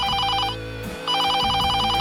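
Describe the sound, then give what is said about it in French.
A telephone in the countryside rings at about 5 a.m. with a rapid trilling bell, two bursts separated by a short pause, loud with no voices. “Camilla se repose à la campagne quand son téléphone sonne vers 5h du matin”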